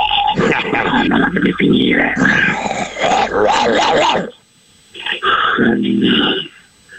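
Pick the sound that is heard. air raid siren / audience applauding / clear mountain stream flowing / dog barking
dog barking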